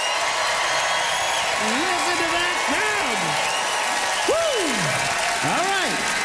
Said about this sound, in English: Time to vote, audience, by applause. How many of you agreed with Sean's summary? The smaller the airport, the better.